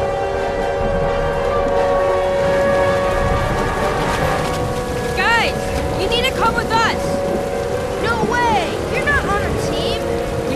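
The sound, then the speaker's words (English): A tornado warning siren sounding during a storm holds a steady, sustained wail with layered harmonic tones for the whole stretch, while short warbling chirps rise and fall over it in the second half. “is that a tornado warning?”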